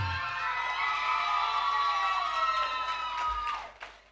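An audience cheers loudly and steadily for a contestant at an evening event naming princesses. High shouts and whoops layer over a dense wash of clapping, holding strong for about three seconds before fading out.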